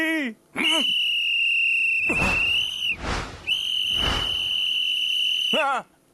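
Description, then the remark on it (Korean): Two long, loud, piercing whistle blasts, each steady and sustained for a couple of seconds, with a brief break between them, as a whistle is blown as a test. “아유, 호루라기가 잘 부러지나 테스트 한번 해봤어요.”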